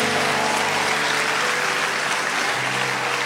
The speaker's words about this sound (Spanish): Vamos a dar el aplauso fuerte a Dios.